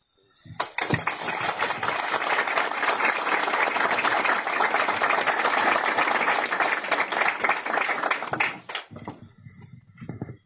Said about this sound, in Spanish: creo que es un logro de todos, y el aplauso es para todos por estos 14 años de trayectoria en neonatología.